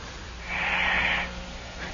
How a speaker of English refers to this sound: And listen to his snoring. Didn't I say it sounded like a little kid, like a child?